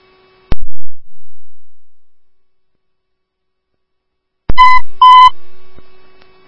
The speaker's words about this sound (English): Oakdale Station 2, disregard tones